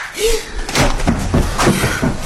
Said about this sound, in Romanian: Am auzit o împușcătură. Nu, idiotule. De data asta a fost o palmă.